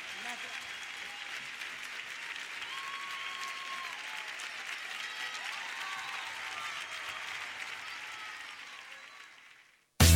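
Sustained audience applause, a dense steady wash of clapping lasting about ten seconds with faint whistles and cheers mixed in, then cutting off abruptly at the end.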